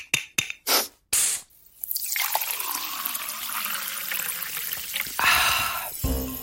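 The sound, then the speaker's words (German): A few short hissing bursts, then a steady stream of sparkling water being poured, with a bright, crackling fizz that swells briefly louder near the end. No one speaks. “Es gibt ja nichts Erfrischenderes als kaltes Sprudelwasser, wenn man so richtig Durst hat.”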